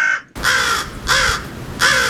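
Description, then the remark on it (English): Crows caw loudly, three harsh, raspy calls in steady succession, each lasting about half a second with brief pauses between, no voices present. “If you need some inspiration, here are some actual crows.”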